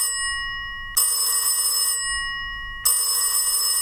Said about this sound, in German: Was ist denn das? Wer ruft denn jetzt an? Ja, ich gehe mal kurz ans Telefon.